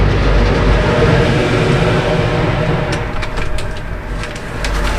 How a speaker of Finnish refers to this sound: Ruusulaksissa yhteyslautta laiturilla. Täällä vähän tuuleksei ja tuolta saapuu Finnö-alus ihan justiinsa laituriin. Ajettiin lautalle ja nyt meitä on tässä kyydissä kaksi autoa. Näin lähdetään laiturista.